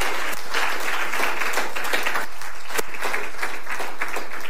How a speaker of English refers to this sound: Well, give the Lord Jesus a loud hand clap this morning.